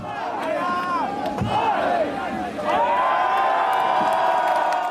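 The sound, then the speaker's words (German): A large crowd chants and counts loudly in unison as a beer keg is tapped, with one sharp wooden hammer blow cutting through partway, followed by swelling cheers. “Das Publikum zählt mit.”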